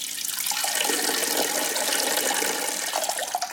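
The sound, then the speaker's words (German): Someone urinating in the sea: a steady stream of liquid trickles and splashes continuously for the whole stretch, fairly loud, with no voices. “Ich vermute, viele von uns, denen im Meer schon mal die Blase gedrückt hat, die haben es auch schon mal einfach laufen lassen.”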